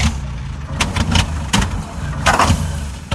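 A lawnmower engine sputters and coughs, its low uneven rumble broken by several short bursts of noise as it struggles and fails to start. No one speaks.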